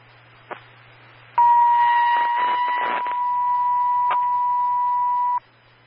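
Sheriff's Office dispatch pager alert tones paging Phelps 91, a repage for a call at 1314 Deer Path Lane: a single loud, steady mid-pitched tone held for about four seconds over a low hum, preceded by a short click, with brief static crackle partway through.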